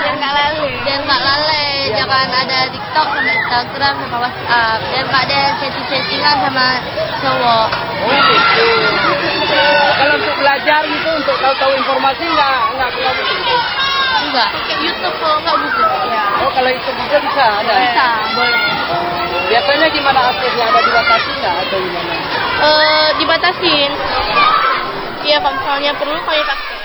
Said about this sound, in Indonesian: Tawa kecil dan diskusi ringan terdengar di antara mereka, menjawab wartawan dengan nada tersipu malu tapi serius.